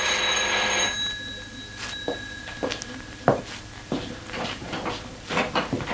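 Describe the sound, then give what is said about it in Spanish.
A bright bell-like ring sounds loudly at the door of a parish house in the morning and fades, followed by scattered soft thumps and clatter, like movement at the door. No one speaks. “Instantes después, llamaban a la puerta de la casa parroquial.”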